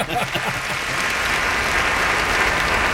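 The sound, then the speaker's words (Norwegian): Steady applause from many hands, a dense continuous crackle of clapping that holds at an even loudness for the whole stretch, with no voices over it. It sounds like canned, artificial applause. “Jag ska ligga på någon sån kunstig applaus.”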